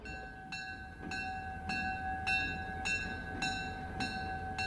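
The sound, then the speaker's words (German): A diesel locomotive hauls several passenger cars on its round of a railway museum's grounds, its low engine rumble joined by a steady tonal whine and regular clacking beats roughly every half second. No one speaks. “Dreimal täglich dreht eine Diesellok mit mehreren Personenwagen ihre Runde im Gelände.”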